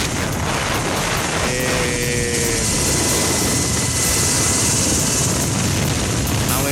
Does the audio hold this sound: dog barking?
no